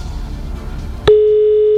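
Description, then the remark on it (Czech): Low hiss gives way to a click, then a steady, mid-pitched telephone ringing tone sounds on the line as Rádio Blaník's hosts call a contest listener, loud and unbroken to the end, with no voices. “Hlásím, že i zvoníme už někde u někoho.”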